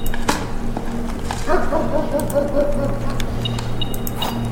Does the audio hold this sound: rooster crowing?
no